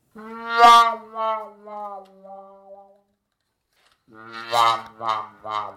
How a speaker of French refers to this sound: cette sourdine qui fait wouah s'appelle donc la sourdine wouah